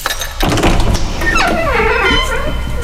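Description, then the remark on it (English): A sudden loud thunk is followed by a drawn-out, wavering creak, like a door swinging open on stiff hinges, as the door into room number 1 of a quiz game is opened, with no talking. “Well, open the door, but go into room number 1 first.”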